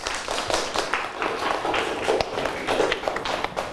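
A classroom of students applauding a classmate during a lesson, many hands clapping in a dense, steady patter that holds at an even, fairly loud level for nearly four seconds.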